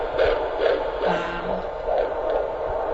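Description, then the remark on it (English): A fetal heartbeat on a Doppler monitor during a midwife's prenatal checkup, about halfway through the pregnancy: fast, steady whooshing pulses, about two per second, over a constant hiss. No one speaks. “She listens to her baby's heartbeat.”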